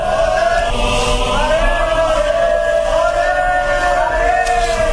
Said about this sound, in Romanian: Vestit de călăreții care duceau poruncile șahului, poporul începu să-i strige numele peste ape și peste deșerturi, până în munți.